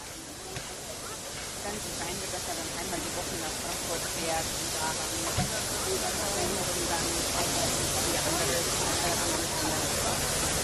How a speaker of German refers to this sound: Gleis jetzt freiräumen, weil als nächstes die 58 hier aus dem Rundhaus rausgeholt wird, damit sie unsere Löbauer Gäste an den Lok mitfahrten ablösen kann. Das heißt, hier das Gleis 2 jetzt bitte freimachen, damit die Lok das Rundhaus verlassen kann.